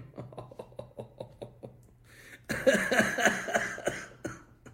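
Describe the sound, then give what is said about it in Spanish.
A harsh, barking cough bursts out loudly, a rough series of hacking fits that rasp for a couple of seconds after a few softer, rhythmic breathy sounds. “Lo mejor será que te cures esa asquerosa tos de perro que te cargas”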